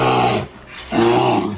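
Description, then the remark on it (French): Two deep, rumbling bear growls, loud, the first about half a second long and the second longer after a short pause, with no talking. “L'ours.”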